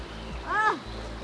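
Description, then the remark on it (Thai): Steady rushing of river water flows throughout, a continuous broad hiss, as people wade in the middle of the Nan River at Ban Huai Pha; the water is very clear and cold. A brief rising-and-falling voice exclamation comes in the middle. “โอ้โหตอนนี้นะคะเราลงมาอยู่ที่กลางแม่น้ำน่านแล้วนะคะของบ้านห้วยผ้าแล้วก็น้ำใสมากแล้วก็เย็นมากด้วยนะคะ”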